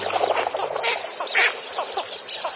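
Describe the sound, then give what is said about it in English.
A flock of blue-winged teal ducks lifting off from a marsh calls in a chattering flock, with many short, overlapping peeping quacks and whistles that continue steadily without a pause, moderately loud. “These dabbling ducks are called blue-winged teal.”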